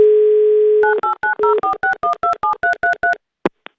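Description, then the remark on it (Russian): A steady telephone dial tone hums for about a second, then eleven quick touch-tone beeps dial a phone number with the 904 prefix in a brisk, even rhythm, ending with a faint click, as Avtoradio calls a listener in Saint Petersburg. Loud, no voices. “Набрали номер телефона, префикс 904.”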